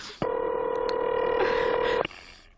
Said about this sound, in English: Please answer the phone. Why does it take so long?